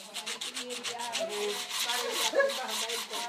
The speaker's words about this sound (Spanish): En el edificio de la organización Marine Cultures se afilan los cuchillos.